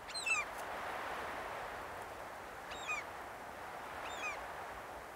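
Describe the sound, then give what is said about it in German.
Geese honk three times at uneven intervals on a goose farm in Kaitum, short nasal calls over a steady outdoor hiss of background noise, with no one talking. “Auf dem Gänsehof in Kaitum ist fast jeden Tag ein Produktionstag.”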